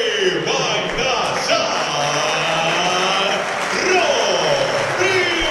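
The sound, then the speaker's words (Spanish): A large stadium crowd applauds and cheers for Suculín and the flag of the Predio Tita in a steady, dense roar, with many overlapping voices rising and falling throughout the few seconds. “Aplausos para Suculín y la bandera del predio Tita.”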